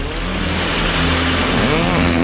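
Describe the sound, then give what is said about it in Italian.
A rough, badly carbureted 1984 motocross bike engine revs loudly and continuously, its buzzing drone steady before climbing slightly in pitch toward the end. “Una moto da cross dell'84, scarburatissima.”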